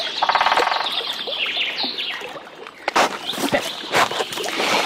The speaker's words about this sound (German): Papa, ich habe gerade einen Specht gehört.